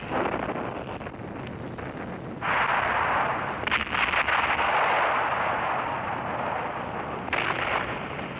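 A dense, continuous roar of artillery fire and exploding shells on the front line of defence of the Leningrad Front in 1941, shell blasts blurring into one another, growing louder after a couple of seconds and punctuated by sharper bursts, with no voices.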